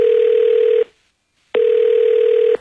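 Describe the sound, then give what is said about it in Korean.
A steady, loud telephone tone hums for under a second, cuts to silence, then returns for another second before a brief click and rustle at the end, as a phone call is placed to the priest in charge. “담당 신부님께서 오신다고는 했는데, 아, 일단 내가 전화해볼게.”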